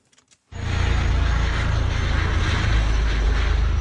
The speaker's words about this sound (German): Über eine Gebirgskette fliegt ein Helikopter. An ihm hängen, gesichert an einem Drahtseil, zwei Menschen und schweben über die Landschaft.